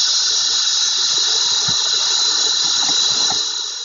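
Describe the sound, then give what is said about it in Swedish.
A loud, continuous high-pitched droning whine of swarming 17-year periodical cicadas, a dense steady buzz that holds throughout with a faint low rumble beneath and no talking. “Per Kalm, som var son till kyrkoherden i Korsnäs, gick i skola i Vasa och var professor i Åbo, gjorde den första vetenskapliga beskrivningen av 17-årscikadans liv och levnadscykel. Han upplevde deras svärmning i maj år 1749.”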